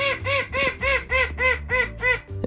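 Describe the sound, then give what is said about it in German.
A small call duck named Minnie Maus quacks rapidly and repeatedly in a garden in Königstein im Taunus, about eight loud, nasal calls in a steady rhythm, with no voices over it. “Unser letzter großer Star ist eine süße kleine Zwergente.”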